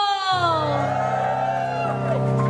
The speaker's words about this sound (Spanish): Gloria a Dios, ese grito de júbilo.